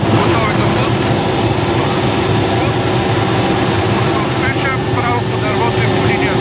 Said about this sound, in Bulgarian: Единственият начин, по който военният хеликоптер Кугър може да спуска вода, е когато един от членовете на екипажа се е провесил от вратата на машината. Целта е да се облее дърво, което е в пламъци.